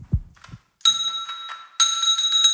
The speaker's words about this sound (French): Et je vous jure que c'est réalisé sans trucage, avec sa petite patoune. Elle a mis un petit coup dans la cloche.